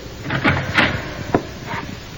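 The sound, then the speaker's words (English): A few light taps on a jail door, followed by the clunk and creak of it being opened by the jail matron, with no one speaking. “I tapped on the door, and the jail matron let me in.”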